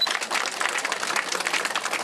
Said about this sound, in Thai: ท่านคือสุดยอดชุมชนจริงขอเสียงปรบมือด้วย